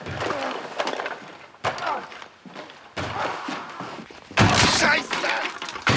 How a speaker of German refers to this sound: Er ist in seinem Hobbykeller und hämmert auf irgendwas ein. Aber das Geräusch kommt nicht aus dem Keller, sondern von draußen.